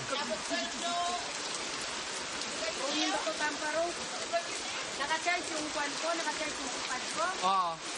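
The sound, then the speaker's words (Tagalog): Heavy rain in Mindanao pours down steadily as a dense, constant hiss throughout, with people talking over the downpour. “Ulan dito di ay no?”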